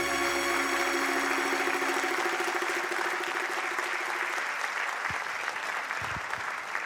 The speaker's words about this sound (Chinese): 感谢大家掌声，谢谢。